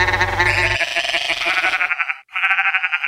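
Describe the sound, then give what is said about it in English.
A sheep bleats loudly in two wavering cries as the Black Sheep Radio ident of station WOOL, the first starting over a brief low rumble, the second following after a short pause. “Black Sheep Radio.”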